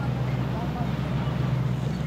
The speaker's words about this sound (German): Ja, das Schiff wird jetzt zu laut. Also jetzt hört man nichts anderes außer Schiff.